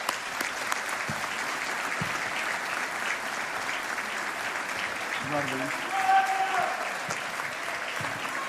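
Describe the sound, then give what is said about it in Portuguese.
A crowd claps steadily throughout for representatives of the Centro Cultural Dr. Magalhães Lima, the Academia Recreio Artístico and the Grupo Desportivo da Moraria, a dense sustained wash of applause with a few faint voices and whistles rising briefly in the middle. “Uma salva de palmas para todos eles.”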